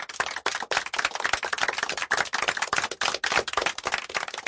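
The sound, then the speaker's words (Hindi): A crowd bursts into loud, sustained applause after a poem recitation, dense overlapping claps crackling steadily throughout with no voices heard. “दीपू के लिए एक बार फिर जोरदार तालियां।”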